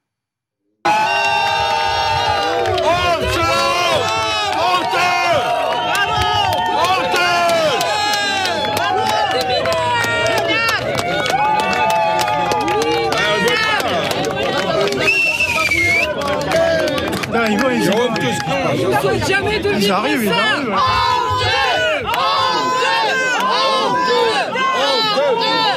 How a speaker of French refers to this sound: On est entre Lacanau et le Cap Ferret. 180 maisons détruites. Écoutez la colère de ces sinistrés qui ont l'impression que le Premier ministre ne vient pas assez vers eux. Ils ont même symboliquement posé une chaise vide au milieu de la foule.